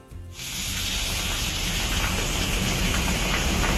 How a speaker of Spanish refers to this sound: granizo en Fiñana, en Abrucena. Oye, gordito el granizo, ¿eh? Mira, este es el sonido clásico en la SER cada vez que pasa este tipo de cosas. Escuchamos. Bueno, el granizo en la zona norte de la provincia y en Vera, que está cayendo de lo lindo.